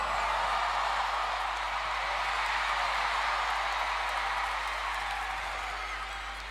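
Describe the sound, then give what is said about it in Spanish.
An audience at a stage show applauds steadily to welcome a guest, a dense wash of many hands clapping at an even, fairly loud level for several seconds with no voices standing out. “Bienvenido, un aplauso, por favor.”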